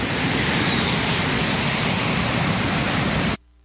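Sewage water from a collapsed drain near the Cumbasa river pours steadily and loudly into the river at a bathing spot in San Antonio, a nonstop gushing outflow filling the sound for over three seconds before cutting off abruptly to near silence. No voices are heard.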